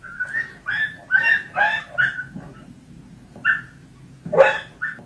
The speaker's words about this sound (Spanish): Tal vez han podido ver el vídeo en el que un vecino de San Bartolomé propina golpes a un perro, lo hace en la parte trasera de una furgoneta.